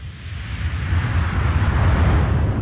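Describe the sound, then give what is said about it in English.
A steady, loud wash of synthesized noise, made from a white noise sample with automated frequency sweeps and volume feeding a reverb with trailing tails, with a deep rumbling low end and hissing top, swelling slightly like ocean surf and sustaining throughout with no voices. “Like a lot of things on the record, it's both organic and synthetic in that it sounds like the ocean, but it's engineered.”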